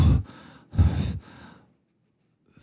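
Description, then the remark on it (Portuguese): Heavy, tired breathing: two labored in-and-out breath cycles, loud, each a rough exhale followed by a breathy draw, then silence before a faint start of another breath. “Ela tá sempre cansada.”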